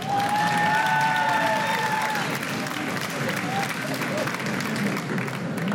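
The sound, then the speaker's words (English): A crowd claps and cheers steadily for several seconds in answer to a question about who had to pick their own switch to be beaten as a child, a dense wash of applause with a few whoops and a sustained whistle rising above it early on. “By round of applause, how many folks here had to pick their own switch when they were little to get beat?”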